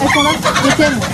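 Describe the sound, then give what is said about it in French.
Two laying hens, Pépita and Coco, given free by the town hall of Mulhouse, France, to a family for their garden, cluck in a brief, busy burst of overlapping calls, fairly loud, with no talking over them. “Alors, depuis 6 ans, à Mulhouse, la mairie en distribue gratuitement pour ceux qui le souhaitent 2 poules pondeuses par famille”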